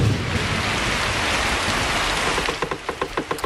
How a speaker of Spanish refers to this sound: El cielo se rompe. Empieza a llover como si alguien hubiera dejado el grifo del universo abierto.